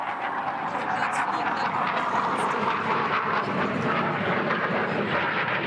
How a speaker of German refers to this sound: Und ein paar hundert Meter darüber Tornados aus Jagel.